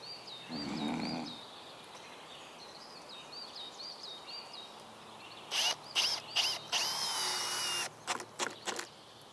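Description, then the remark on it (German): A chainsaw revs in several short, loud bursts outdoors, starting and stopping unevenly, with birds chirping throughout and a low grunt early on. “du hast keinen Kettensägenschein.”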